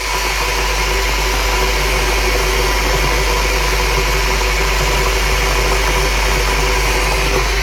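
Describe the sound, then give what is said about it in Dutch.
An electric kettle boils water for a fresh cup of coffee with a steady, dense roar and hiss over a low hum, holding an even loudness for the whole stretch with no voices. “De waterkoker voor een vers bakje koffie.”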